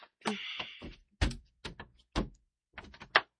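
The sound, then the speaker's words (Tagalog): A wooden table drawer scrapes open with a rough sliding rasp, followed by several sharp knocks and clunks as items are put inside and the drawer is pushed shut, with no talking. “Yes, ibutan ko na ning uban akong kapiteri sa sud sa drawer ning lamisa.”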